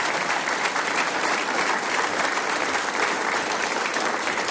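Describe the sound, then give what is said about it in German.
Sustained audience applause, a dense steady wash of many hands clapping at an even loudness throughout, with no voices standing out, at an event hosted by the Marktgemeinde Bingau. “Das ist ein Applaus.”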